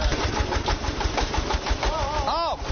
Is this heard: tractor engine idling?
yes